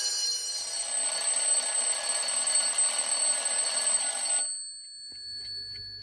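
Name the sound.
school bell ringing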